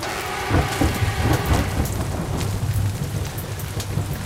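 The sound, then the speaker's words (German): Steady rain pours down with a low, rolling rumble of thunder underneath, a dense continuous wash of droplets and deep booms, no voices. “Langsam bahnt sich die Nässe ihren Weg unter den Regenmantel.”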